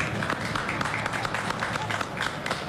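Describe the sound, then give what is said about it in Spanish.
A crowd applauds as Enzo Fernández, number 24, is announced in Argentina's team lineup, dense crackling claps forming a continuous wash of noise with a low rumble beneath, moderately loud and unbroken for the whole stretch. “Y ahora a ver, quiero ver cómo está el aplausómetro, ¿eh?”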